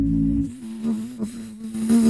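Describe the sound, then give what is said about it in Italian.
A person imitates a mosquito with a steady, nasal buzzing drone held for about two seconds, fairly loud, wavering slightly in pitch, with no speech. “Dalla zanzara classica. …, come fa?”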